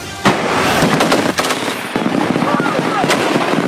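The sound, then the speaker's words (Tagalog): Rapid bursts of gunfire crack out in quick succession, loud, with sharp repeated shots over a steady rumble and no one speaking, fired by Philippine and Australian Army ground forces during a live fire exercise in Pasacao, Camarines Sur, Philippines. “Sunod-sunod ang pinakawalang putok ng ground forces ng Philippine at Australian Army sa live fire exercise na ito sa Pasakaw, Camarines Sur.”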